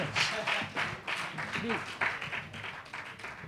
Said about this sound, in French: Applaudissez-le bien fort.